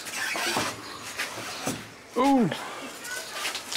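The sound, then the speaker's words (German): A door is opened and let go, swinging with a short, rising-and-falling hinge squeal midway through, amid shuffling and muffled background noise, in a house where eight macaws fly free. “Mach die mal los, ein bisschen die Tür. Ja, dann lass ich los, ja?”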